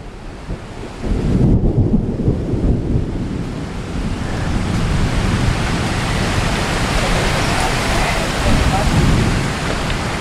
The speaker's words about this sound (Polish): Niestety deszcz, który przyszedł, spowodował, że trzeba poczekać godzinę. W oddali widzę pioruny, które uderzają w drugi brzeg. Tak, i odgłosy burzy.